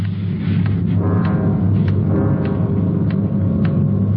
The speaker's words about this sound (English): Loud clock, ain't it?